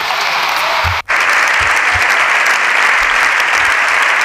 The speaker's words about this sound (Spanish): Largo aplauso.